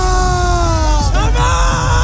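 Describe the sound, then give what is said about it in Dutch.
A large crowd in Madrid chants "España!" loudly in unison after the final whistle of the World Cup final won by Spain, voices holding long sustained notes before the pitch shifts and rises into the next call, over a constant roar of cheering. “Nou, onder meer in Madrid klonk het na het eindsignaal zo.”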